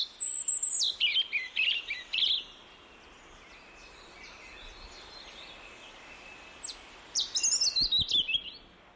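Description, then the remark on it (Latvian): A European robin, a small forest bird common in Latvia, sings two bright, warbling phrases of high, trilling notes, one at the start and one near the end, with a quiet outdoor pause between them and no talking. “Sarkanrīklīte ir mazs, Latvijā bieži sastopams meža putns.”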